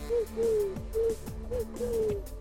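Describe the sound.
A voice imitates a pigeon's cooing with a quick series of soft, throaty coos that rise and fall in a steady rhythm. The sound is moderately loud and has no other talk.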